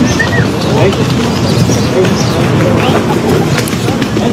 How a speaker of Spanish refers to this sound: Pues al principio se escucha el chiflido. Es ¿no? un Tiene poco grosero. Toda la razón. Es un poco grosero.